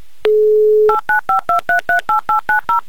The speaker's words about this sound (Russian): я набираю ваш номер телефона еще раз. И верю, что это была просто какая-то ошибка, и просто вы случайно его сбросили. Все, молчу. Звоню вам на ваш номер.